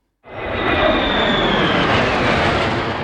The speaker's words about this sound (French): en voyant passer les F-16 et F-35 au-dessus de sa tête et celle de ses enfants.